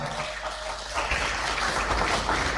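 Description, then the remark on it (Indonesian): Audience applause, a dense wash of many hands clapping that swells after the first second and stays loud and steady to the end, with no one talking over it. “Boleh tepuk tangan.”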